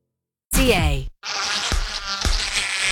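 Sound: mosquito buzzing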